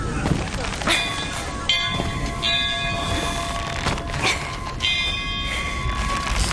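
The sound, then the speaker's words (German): A large weather bell rung hard by pulling its rope, its heavy clangs landing every second or so and ringing out with long overlapping tones over a rough, noisy background. “Ich brauche euch an der Wetterglocke.”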